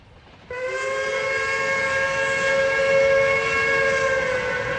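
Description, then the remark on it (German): A Bundesbahn Intercity train from Bremen to Fegesack, at night: its steam whistle blows suddenly after a brief hush and holds one long, steady, multi-toned chord, loud and sustained over a rumbling background until the end, with no talking. “Damen und Herren, in unserer Sendung auf der Bundesbahn nachts um 12:30 im Intercity von Bremen nach Fegesack sind wir jetzt im Speisewagen angekommen.”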